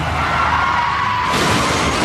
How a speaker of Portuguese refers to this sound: Chefe está capotando.